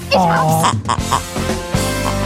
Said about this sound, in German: Und wer zuerst dieses grunzende Schwein entdeckt, hat gewonnen.